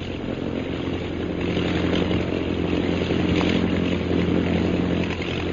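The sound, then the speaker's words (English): A loud, steady engine drone with a buzzing, rasping tone from a propeller plane coming in low overhead, flown by Captain Carstairs, holding constant for several seconds with no talking. “Isn't that Captain Carstairs in the plane that's coming in low?”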